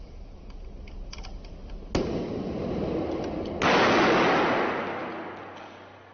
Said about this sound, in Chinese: 消防战士也为我们再次演示了一遍。当干冰被放入盛有少量水的密闭饮料瓶中时，在短短20秒后，塑料瓶就发生了剧烈的爆炸。